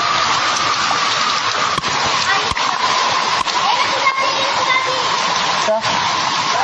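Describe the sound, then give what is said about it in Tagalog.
Floodwater rushes past in a loud, unbroken roar, steady throughout, with a few brief clicks and knocks standing out over the constant wash, in Parañaque City, where the water reaches the shoulders of adults. “Oh, sus, grabe yung tubig.”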